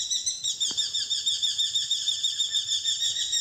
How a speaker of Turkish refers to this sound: Bu programda kullandığımız kuş seslerinden Derece Doğan'ı Alper Yelimilli Eş İstanbul'da, Alaca Aşkı Kını Kuzey Cem Kulaçoğlu Ankara'da, Flamingo'yu Enes Kasapoğlu Konya'da, Çapraz Gıgı'yı Mehmet Koşar Kayseri'de ve Gri Balıkçılı bendeniz